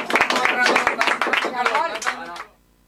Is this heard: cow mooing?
no